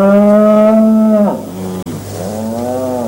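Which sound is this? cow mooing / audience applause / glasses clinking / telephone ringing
cow mooing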